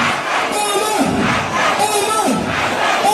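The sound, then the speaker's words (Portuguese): A large crowd of Somali fans roars and cheers in celebration of a football referee, many voices shouting together in a loud, continuous wall of sound that surges slightly in waves without letting up. “E aí a turma da Somália fez uma festa porque ele não vai participar da Copa do Mundo.”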